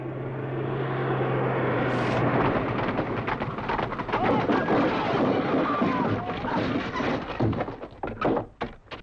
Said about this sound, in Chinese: 扫射了？ 不会，这是侦察机。